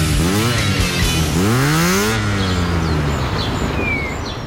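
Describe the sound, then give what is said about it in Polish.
A Honda motorcycle engine revs up twice in quick succession, pitch climbing sharply each time, then settles into a loud steady rumble, with faint chirps in the background. “Honda D&D, autoryzowany salon i serwis motocykli.”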